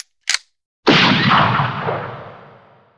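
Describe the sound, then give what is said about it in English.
A short sharp click, then a pause before a single loud Winchester rifle gunshot, fired in a pasture at a brimmer bull about 50 yards away, that booms out and trails off in a long, rolling echo. No voices. “The silence fell over the pasture till the Winchester's hammer fell.”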